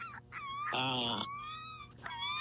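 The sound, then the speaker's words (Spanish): A person imitates a small dog whimpering, a puppy crying while tied up in a fig tree: a run of thin, high, wavering whines with a louder, strained cry in the middle, followed by another short whine. “O sea, en esa higuera tú escuchabas un perrito como llorando, o el perrito estaba llorando, o sea, porque estaba viendo algo.”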